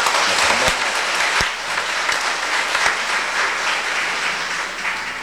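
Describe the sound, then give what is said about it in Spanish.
A crowd at a church service applauds steadily after a prayer, a dense wash of many hands clapping at an even loudness throughout, with a few sharper individual claps standing out and no voices over it. “Si quieren dar un aplauso por esto.”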